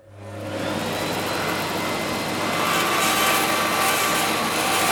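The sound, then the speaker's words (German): A loud, steady power-saw whine grinds continuously as a piece of wood is fed through the saw blade in a guitar repair workshop in Cologne, filling the whole stretch without pause, with a low motor hum underneath. “Konzentriert führt Jannik Mehnert ein Stück Holz durch das Sägeblatt.”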